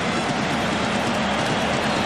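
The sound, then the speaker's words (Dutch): A football stadium crowd cheers the return of Ousmane Dembélé in a steady, loud roar, a dense wash of many voices that holds without pause for the whole two seconds, with no single voice standing out. “Ousmane Dembélé en hoor nu maar eens het publiek.”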